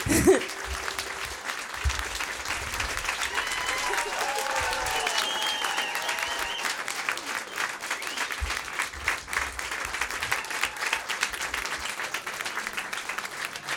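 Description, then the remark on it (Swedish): Steady applause from an audience fills the whole stretch, a dense crackle of many hands clapping at an even level, with faint whistles and voices mixed in, given for a musician who played that evening at Kulturkvarteret in Kristianstad. “En stor applåd för Johan här som har spelat ikväll.”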